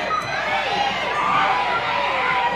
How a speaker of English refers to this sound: All these kids are going wild in front of us